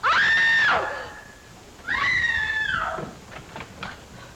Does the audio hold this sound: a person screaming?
yes